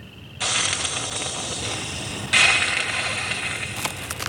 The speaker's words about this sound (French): On dirait qu'elle crache et qu'elle siffle. Nous sommes aux États-Unis, dans une plaine de l'État de Virginie, parsemée de ranchs et de bosquets. Ces cris sont donc certainement les feulements d'un opossum.